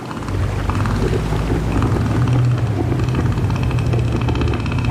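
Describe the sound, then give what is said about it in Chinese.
A male northern elephant seal inflates its huge nose and roars in a deep, loud, throbbing rumble that holds steady for the whole stretch, its rapid pulses giving it a rough, engine-like texture. “他们鼓起巨大的鼻子，发出低沉而响亮的吼声。”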